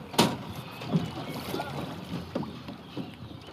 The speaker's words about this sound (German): Die haben dann ihr Boot rausgetragen und sind auf den Main, um zu trainieren.